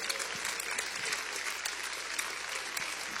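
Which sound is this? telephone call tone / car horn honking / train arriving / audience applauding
audience applauding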